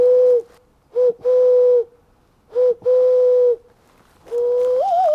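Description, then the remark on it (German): A man's voice imitates wild pigeon and owl calls while walking through a dense forest: a short hoot followed by longer, steady cooing tones in a repeating pattern, ending with a rising, wavering call, clear. “stellt die Laute von Tauben und Eulen für mich nach.”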